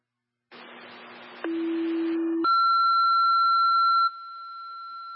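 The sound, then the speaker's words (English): Radio dispatch alert tones for unit 3-5 South 8: a low steady tone over hissy static steps down slightly, then jumps to a loud, higher-pitched sustained tone that holds for several seconds before dropping slightly in volume. “3-5 South 8, disregard your tones.”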